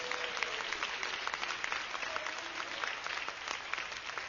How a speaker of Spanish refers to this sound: Démosle un aplauso al Señor, Dios de los cielos.